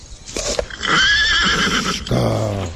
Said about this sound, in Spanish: ¡Quieto, caballo! Ah, ahora sí está quieto.